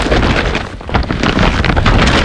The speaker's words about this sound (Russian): Слышишь? Именно так шуршит мешок, полный товарами IKEA с раскупки.